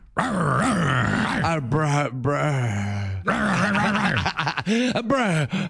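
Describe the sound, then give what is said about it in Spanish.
A person loudly imitates a dog, with rough growls and breathy panting sounds running almost continuously for several seconds. “No, este güey está muy sensual. Jadeando ya. Es una perra.”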